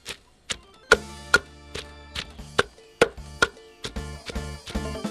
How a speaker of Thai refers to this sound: จากนั้นจึงมาเตรียมโคลกปนนำพาสมุนไพรลงโคลกโคลกไปให้แหลก